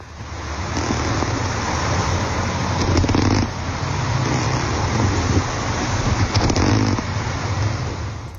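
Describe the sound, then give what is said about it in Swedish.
Underwater recording of corkwing wrasse sounds: a steady, low, rough rumbling with a snore-like grunting texture, broken by a few brief sharp clicks, with no voices. “Och nu fick vi höra snultra.”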